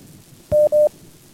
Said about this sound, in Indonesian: Baik, untuk yang pertama sudah kembali ada telepon yang masuk, kita coba angkat kembali, silakan.